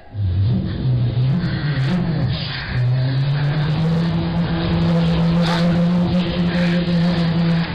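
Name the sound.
car engine sound effect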